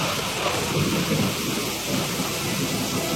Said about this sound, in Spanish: Era la época de lluvias, y ese día llovió fuertemente, y como vivía a la orilla de un río, de este bajó mucha agua que se llevó a la casa y a sus hijos.